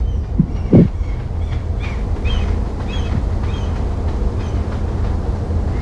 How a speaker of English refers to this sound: In the background, I guess you might hear the sound of traffic, maybe the wind, it's quite windy.